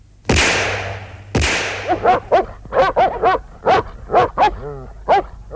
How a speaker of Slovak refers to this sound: Počkaj, či pôjde k ovciam. No vidíš, ani si ich nevšimol. Je to túlavý pes, strieľaj!